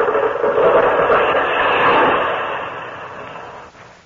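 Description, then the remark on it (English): A tree blown over by the wind gives way as its roots crack and tear, a dense crackling rush of splintering and rustling that holds steady for a few seconds, then tapers off. No voices. “You hear them roots are crackling? Hi, Cracky, look out. She's going over.”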